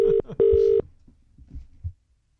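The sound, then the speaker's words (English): A phone ringback tone purrs twice in quick succession on an outgoing 6:40 a.m. call to a baker, a short burst then a longer one, loud and clear, followed by faint low rustling and soft thumps as the line connects. “Yeah, so we called him early this morning to see how his pies were going, and this was his reaction.”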